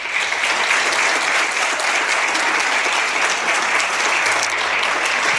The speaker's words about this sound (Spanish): Por eso, lo mínimo que podemos hacer esta mañana es darles un aplauso emocionado de reconocimiento por su labor.